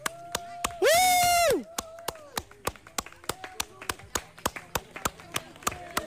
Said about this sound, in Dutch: Ik zie dat er weer een team aankomt, dus we gaan weer even juichen. We gaan weer lekker juichen, we gaan even applaudisseren. En high fives geven. En high fives, ja. Geef maar een applaus, want daar komen ze, want er komt echt een tempo aan.